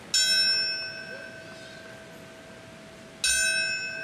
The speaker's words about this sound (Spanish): Fueron 6 los minutos de silencio acompañados de campanas que marcaban el momento en el que hace 25 años impactaron los aviones en las Torres Gemelas, su caída y los choques en el Pentágono y en Pensilvania.